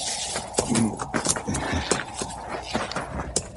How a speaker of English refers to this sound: Horse smells them. Now, we better tie the critters up.